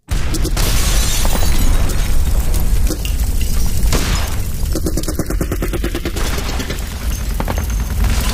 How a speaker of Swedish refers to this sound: Den 24 maj 1940 vaknar Trotsky och Sedova av explosioner och gevärseld.